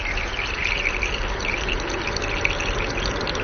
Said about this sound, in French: C'est plein de petites bulles qui sont entraînées dans l'eau. Et c'est ces bulles-là qui vont faire ce bruit qu'on entend, nous, dans l'air.